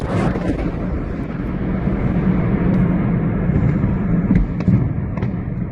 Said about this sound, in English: You can just about make out at the end there a series of explosions, because what local residents didn't know was that the building was being used to store ammunition. The initial blast set off a chain reaction of detonations